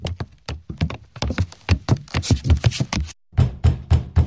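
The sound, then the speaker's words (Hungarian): Rapid, insistent knocking from inside a locked door by someone trying to get out, a steady run of dull, muffled raps that stops for a brief moment, then resumes just as hard. No voices are heard. “De hallgasd, valaki ki akar jutni.”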